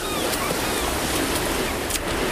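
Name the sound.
ocean waves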